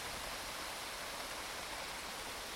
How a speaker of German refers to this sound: Noch mehr die Wellen hören würde und vielleicht, wenn das Wasser an die Felsen klatscht. Splash, splash, splash. Wenn man die Wellen hört im Meer.